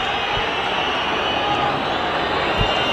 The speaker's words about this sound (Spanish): Cortina de silbidos, insultos.